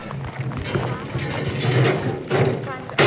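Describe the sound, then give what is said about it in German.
A wheelbarrow carrying fallen pears and mirabelle plums rattles and clatters as a neighbour pushes it along briskly, with rhythmic mechanical knocking, while people talk over the sound. “Dann kommt eine Nachbarin mit einer Schubkarre, schwungvoll mit einem Lachen im Gesicht.”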